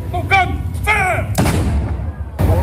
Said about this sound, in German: Um 12 Uhr wird übrigens in dem oberen Baracca-Garten ein Kanonenschuss abgefeuert.